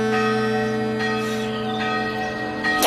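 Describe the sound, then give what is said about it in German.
A large bell cast from metal rings with a deep, sustained tone and rich shimmering overtones, struck again partway through so the sound swells and lingers, heard alone. “Wie eben die erste Glocke, die man aus Metall gegossen und nicht mehr aus Blech zusammengenietet hat.”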